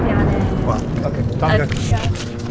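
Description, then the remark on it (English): Incoming military jets roar overhead at the village of Mashkara in a steady, loud, low rumble that fills the whole moment, with voices talking over the noise. “He's telling us that although he's not a member of Hezbollah, he does support their cause, when he's interrupted by the sound of incoming jets.”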